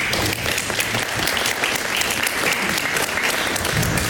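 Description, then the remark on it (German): An audience claps steadily for several seconds after a text is read aloud to them, a dense, even wash of many hands with no pauses and no one speaking over it. “Berechtigtes Zögern, ob jetzt bei dem Text, also ob das Applaus würdig ist, aber es ist natürlich sehr toll, dass du das für uns liest.”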